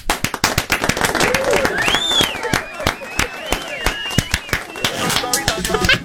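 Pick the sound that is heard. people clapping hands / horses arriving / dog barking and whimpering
people clapping hands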